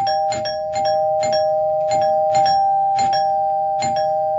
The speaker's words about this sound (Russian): Но в это время из передней послышался громкий, очень длинный звонок.